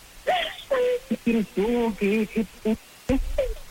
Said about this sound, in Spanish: A ver, deja de llorar